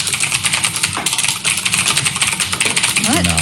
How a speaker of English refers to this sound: Typing on a computer? That stresses me out. Yeah, it's typing on a mechanical keyboard.